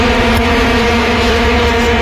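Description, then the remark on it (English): A loud, unbroken droning blare of vuvuzelas, a low buzzing tone with rich overtones that holds steady for about two seconds with no voices. “The attack of the vuvuzelas.”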